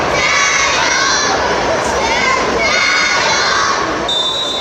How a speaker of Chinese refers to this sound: 双方机器人激烈拼抢，辅学队的小机器人几次灵巧绕后成功断球，看台爆发出掌声和欢呼。